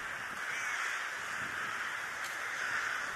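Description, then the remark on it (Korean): A large flock of rooks caws continuously in Ulsan as the birds begin entering their bamboo-grove roost, many overlapping calls forming a steady, dense chorus with no pauses. “이제 때까마귀가 잠자리인 대숲으로 들어가기 시작하는데요.”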